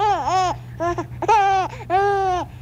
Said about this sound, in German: Ja, vermutlich haben Sie es erraten, das ist ein Menschenbaby, ein Säugling. Und wenn wir das nochmals anhören, ganz genau dieses Lachen des Säuglings.